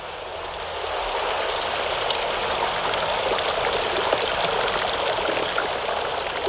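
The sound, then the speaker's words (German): Water gushes and splashes steadily down a fountain of five stacked, moss-covered lead basins in a fountain house off a cloister. The mineral-rich water has formed small dripstones over time. A continuous rushing wash that swells slightly after the first second and then holds even, with no voices. “Das herabsprudelnde Wasser ist so mineralhaltig, dass sich im Laufe der Zeit kleine Tropfsteine gebildet haben.”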